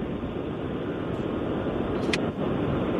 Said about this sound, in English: Okay. Sounds like he's in the car.